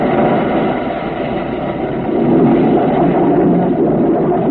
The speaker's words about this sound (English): The sub quivers as it surges up off the bottom of the sea.